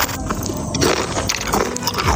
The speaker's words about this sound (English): The most common one coming in from a lot of people is chewing.